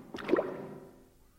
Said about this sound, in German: Es klingt, als ob sich ein Tor öffnet. Das Boot wird langsamer. Jetzt steht es. Was meinst du, wo wir sind? Vielleicht im Palazzo. Das könnte eben das Wassertor gewesen sein.